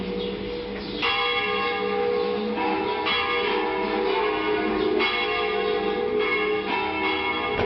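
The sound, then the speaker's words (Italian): Church bells peal continuously, with fresh strikes landing roughly every second or two over a sustained, shimmering wash of ringing overtones. Loud, with no voices. “Hai visto le campane?”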